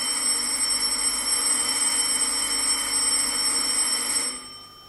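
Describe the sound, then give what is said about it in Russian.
A bell, rung by the father, rings continuously in a steady, rattling electric trill for about four seconds, fairly loud, then abruptly stops, leaving near silence. No one speaks. “Кто это? Отец звонит.”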